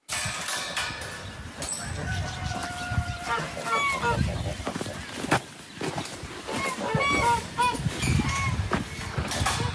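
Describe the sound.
African geese honk repeatedly at close range, their nasal calls overlapping in irregular bursts over a steady outdoor rumble, with faint human voices in the background.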